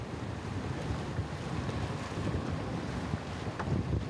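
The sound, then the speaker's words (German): A motorboat runs steadily over open water on the way to the Duke of York Islands, its deep engine rumble blending with rushing wind and splashing spray at a constant, fairly loud level. No one speaks. “Und auf die kommt man mit dem Motorboot.”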